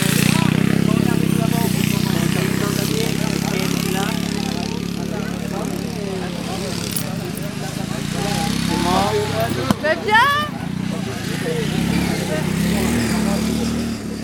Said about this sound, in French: Est-ce que vous connaissiez déjà les courses de tracteurs tondeuses ?